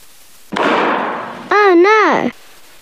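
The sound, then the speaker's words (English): A single sharp pop as a hedgehog breaks a balloon during play bursts out loud, its hiss trailing off for about a second, followed by a short cry from a voice sliding up and down in pitch. “Yes, the balloon was broken by the hedgehog.”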